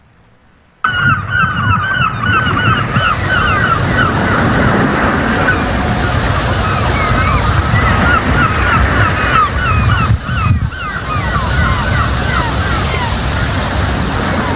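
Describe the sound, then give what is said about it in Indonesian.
Steady roar of ocean waves begins after a brief silence and continues throughout, loud, with frequent honking bird calls, like geese or gulls, chattering over the surf. “Di sebuah wilayah perbatasan yang jauh dari hiruk-pikuk kota, pagi selalu datang bersama suara ombak dan langkah anak-anak menuju sekolah.”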